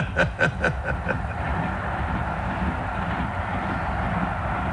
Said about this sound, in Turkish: İşte yıllar sonra aynı trendeyim yine. Sanki bir rüzgarla itilmiş ilerliyorum. Yine aynı tekerlek tıkırtıları, sarsılan kompartımanlar.